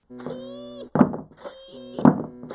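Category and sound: household object, knocking on a door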